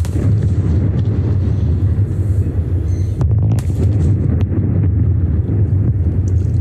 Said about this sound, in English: And twin 170-metre tall chimneys have been demolished at the old Liddell Power Station in the Hunter Valley region of New South Wales.